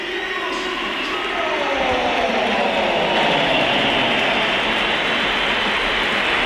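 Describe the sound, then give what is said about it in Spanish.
A packed stadium crowd at the Bernabéu reacts with divided opinions as Vinicius Junior leaves the pitch, a dense, steady roar of applause mixed with shrill whistling, loud and continuous for several seconds without a break. “Y hay división de opiniones. Vamos poquitos a escuchar, escuchamos. Mucha gente.”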